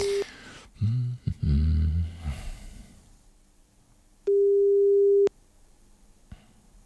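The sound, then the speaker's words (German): A single steady telephone ringback tone of an outgoing call sounds for about a second, loud and clear, after a few brief musical notes and a short beep at the start, then silence. “jetzt hoffentlich hier ans Telefon gehen auf ihrem 98.2 Radio Paradiso”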